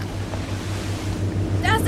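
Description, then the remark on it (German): A water taxi's motorboat engine drones steadily over a wash of water and wind, growing a little louder as it approaches, with brief high chirpy sounds near the end. “Das ist das Wassertaxi.”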